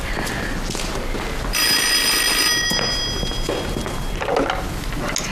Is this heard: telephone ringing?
yes